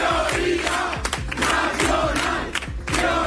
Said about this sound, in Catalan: De fet, ahir Vox no dissimulava gens aquesta satisfacció, deia això. ¿Dónde está la mayoría? I també cridaven aquest altre crit.